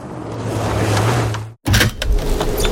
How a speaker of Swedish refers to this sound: Men vad gör du? Det blir ju gökallt. Ja, men jag måste ha lite luft när jag sover. Måste du öppna fönstret för att få luft?